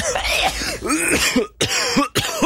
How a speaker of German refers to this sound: der Ton mit dem Husten